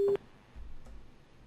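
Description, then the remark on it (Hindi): A short, loud electronic phone-line tone sounds once at the start after a phone call disconnects, then cuts off, leaving only a faint low rumble and quiet background hiss. “Hello hello hello hello जी, phone disconnect हो गया लग रहा है, तो चलिए फिर देखते हैं, आता है तो फ़ोन आपको एक और।”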